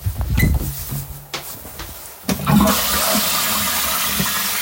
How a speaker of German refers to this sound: ich zeige euch jetzt mal die Klospülung. Wartet.